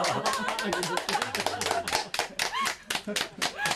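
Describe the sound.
A group claps for a freshly baked pizza made without cheese, clapping when saying it is delicious, in quick, uneven bursts of sharp, crisp smacks that run steadily throughout, with voices and light laughter mixed in among the applause.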